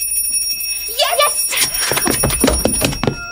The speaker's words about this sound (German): Erst muss meine Mutter mit dem Glöckchen läuten.